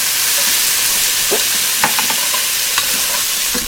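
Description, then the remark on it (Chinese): Steady, loud hiss of food sizzling in a hot wok as a banquet chef cooks, with scattered clanks and scrapes of a spatula stirring throughout. No voices. “请总铺师来料理一下哈，来要切菜切菜。”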